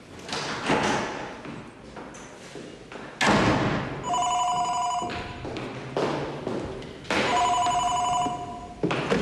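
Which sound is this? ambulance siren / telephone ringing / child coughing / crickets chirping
telephone ringing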